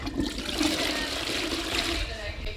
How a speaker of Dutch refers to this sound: Iemand op het toilet of gaan we dat gewoon doortrekken en de uitzending is gedaan?